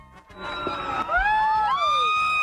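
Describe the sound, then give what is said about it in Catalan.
A crowd screams loudly and continuously, many high-pitched voices overlapping and rising and falling together in a sustained, piercing wall of sound for a couple of seconds. “La gent cridava a les totes, ara ho han sentit.”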